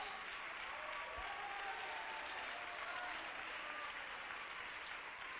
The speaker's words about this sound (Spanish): Dale un aplauso al Rey. Bien fuerte. Si quieres silbarle al Rey, silbe de agradecimiento, de júbilo.